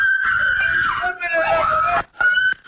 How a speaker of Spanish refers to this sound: La reacción de los moradores fue inmediata. Tras escuchar los llamados de auxilio y activar la alarma comunitaria, varios vecinos salieron de sus viviendas y retuvieron a uno de los implicados en el asalto.